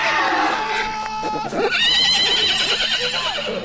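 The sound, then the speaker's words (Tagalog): A horse being ridden lets out a loud, quavering whinny, its shrill cry rising and wavering before trailing off, over a busy background of noise. “Nakasakay pa ng kabayo!”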